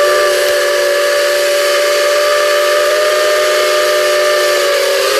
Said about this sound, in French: Oui, un train. Ouais, un train. À vapeur. Locomotive à vapeur, voilà, très bien.